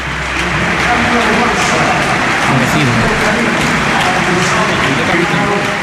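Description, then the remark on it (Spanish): A huge crowd at the Spotify Camp Nou gives a sustained ovation to Rafinha as he is substituted, dense applause and cheering roaring steadily and loudly from start to finish, with no single voice standing out. “Todo el Spotify Camp Nou, esta es la ovación que se lleva Rafinha.”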